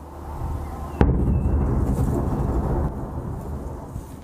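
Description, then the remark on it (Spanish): A sudden, heavy explosion from a Russian drone and missile attack on Kyiv, Ukraine, before dawn, cracks out after a second of low rumble, then rolls into a long, deep reverberating boom that slowly fades, as if echoing across the city. No voices. “Videos mostraron fuertes explosiones en el cielo y también a nivel de calle, mientras las defensas ucranianas intentaban responder al ataque.”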